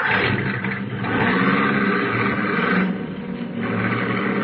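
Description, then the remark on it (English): The engine of a convertible car with its top down rumbles steadily at night, swelling and easing slightly as it drives and then stops, with a rough, throaty drone throughout and no voices. “And then the car was stopping.”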